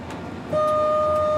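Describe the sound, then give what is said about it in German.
A train whistle sounds abruptly after a low rumble at a whistle signal board, holding one loud, steady, mid-pitched chord-like tone that continues without a break to the end. The train uses tilting technology and leans into a curve at 100 km/h. No one speaks. “Jetzt kommt gleich die Pfeiftafel.”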